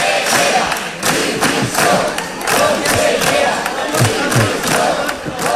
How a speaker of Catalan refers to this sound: Els diputats i diputades del PSC i Compromís han demanat a crits la dimissió de la consellera d'Educació, Carmen Ortí,